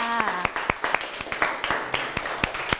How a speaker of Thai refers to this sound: ซึ่งเรานะคะก็ได้คำตอบครบแล้วทั้งหมดเลยนะคะทุกส่วนเลยเก่งมากๆปรบมือให้ตัวเองค่ะ